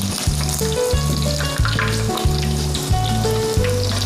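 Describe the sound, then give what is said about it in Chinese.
A dense, steady crackle and sizzle of meat deep-frying in hot oil runs throughout, fairly loud, with a rhythmic low thumping hum pulsing underneath; the meat is fried to set its shape and firm up the skin. No one speaks. “把它扎定型，把表皮啊，给它收一下就可以了。你看扎完之后，这个油脂啊，焦香的这种感觉就可以了。”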